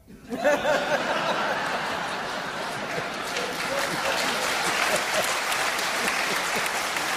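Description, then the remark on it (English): A room full of people claps lightly and unevenly, a thin, steady patter that keeps going for several seconds, with a few scattered chuckles mixed in. “It's a weak clap.”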